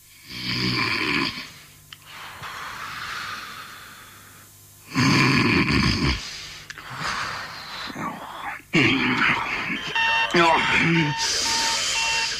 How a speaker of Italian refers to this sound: Che cazzo è? Ma che è la sveglia? Ma che ne so? E sei in mezza? Ma affanculo, sveglia di merda!